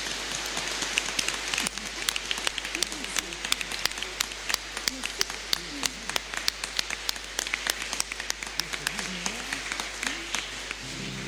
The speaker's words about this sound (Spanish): Le damos un aplauso a nuestros diáconos.